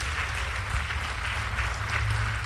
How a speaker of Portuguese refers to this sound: Vem, vamos aplaudir mais o Senhor Jesus.